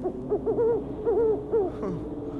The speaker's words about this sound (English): Maybe it is an owl. Can't see anything, though.